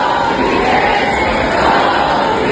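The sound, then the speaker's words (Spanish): A loud crowd of protesters from the Sol encampment in Madrid shouts "cómplices" at the Congreso de los Diputados after the anti-eviction decree was voted down, in a sustained, dense roar of overlapping voices, with no pauses and a steady, heavy loudness throughout. “Parte de los acampados en Sol se dirigieron anoche hacia el Congreso de los Diputados, donde les gritaban cómplices, después de que PP, Vox y Junts tumbaran el decreto antidesahucios.”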